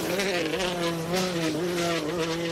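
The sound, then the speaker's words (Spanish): A rally car engine roars at high revs in a steady, buzzing drone whose pitch wavers slightly, loud throughout, with no voices. “Pues no, chicos, esto es, que escucháis, es un coche de rallies.”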